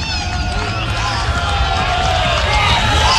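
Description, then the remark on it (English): A large baseball stadium crowd, cold and there for nearly 3 hours, roars and cheers steadily throughout as a pitch is thrown, a dense, continuous wash of voices and noise with no single speaker standing out. “And the crowd that's hung around here for nearly 3 hours, chilled to the bone, making some noise.”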